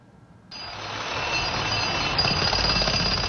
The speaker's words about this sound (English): The sound of a drill echoes through Aleppo's old market, a symbol of the city's once vibrant trade.